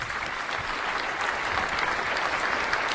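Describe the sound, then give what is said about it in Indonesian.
A steady burst of audience applause at a quiz competition with teams and a jury. Many hands clap densely and evenly at a constant loud level for the whole stretch, with no voices standing out. “Oke, tepuk tangan dulu Bapak Ibu.”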